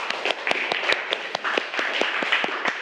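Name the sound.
classroom clapping hands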